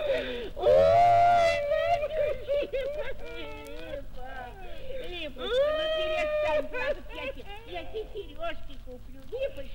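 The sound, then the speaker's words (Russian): A woman cries and whimpers, breaking into long, rising wails near the start and again midway, with broken sobbing in between. “Перестань плакать.”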